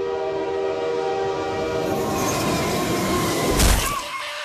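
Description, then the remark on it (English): A loud train sound effect: metal wheels squeal in sustained, shrill tones over a heavy rumble, building to a sharp burst near the end before fading. No one speaks. “Damn, we didn't have to go that hard on the sound effect.”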